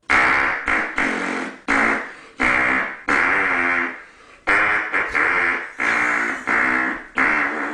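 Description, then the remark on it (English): Hand farts squeezed out as a melody, the Star-Spangled Banner played in about a dozen loud, buzzy, pitched notes with short gaps between them, with no talking. “It's the hand farting man.”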